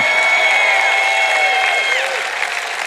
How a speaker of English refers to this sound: if you're ever anywhere again and somebody says we're going to talk about self-control tonight, you shout and clap and cheer like it's going to be the best message you've ever heard in your whole life.